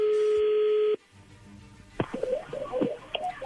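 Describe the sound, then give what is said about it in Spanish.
A telephone number is dialed: a loud, steady keypad tone holds for about a second, then after a quiet pause come scattered clicks and short, higher-pitched electronic beeps. “Ahí se está marcando, le va a llamar el lobo, ¿ok?”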